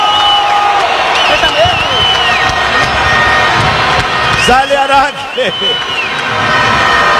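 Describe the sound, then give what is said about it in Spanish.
A loud stadium crowd cheers and applauds in a steady, dense roar that fills the whole stretch as Deportivo Táchira and its goalkeepers, Alejandro Araque and Vargas, come out for warm-up, with a commentator's voice speaking over the noise. “Aplauso para Araque. Aplauso para Vargas.”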